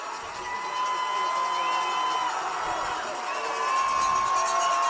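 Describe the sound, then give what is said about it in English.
A big home crowd at a football game cheers and roars steadily throughout as the team goes for the end zone in the final seconds, a dense wash of voices with a few sustained whistle-like tones rising above it, swelling slightly louder toward the end. “CMR's crowd's really getting into it.”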